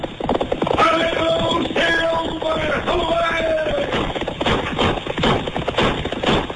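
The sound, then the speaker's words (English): Rapid galloping hoofbeats pound steadily from the radio western The Lone Ranger, with a brief high tonal sound layered in near the start, all with a thin, muffled old-radio quality. “Fiery horse for the speed of light, a cloud of dust and a heart of high old silver, the Lone Ranger.”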